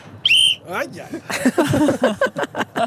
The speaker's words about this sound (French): Je vais prendre mon sifflet. Je sens que je vais prendre mon sifflet.